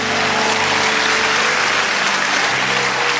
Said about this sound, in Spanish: Alguien grita aleluya. Vamos a darle el aplauso fuerte a Dios.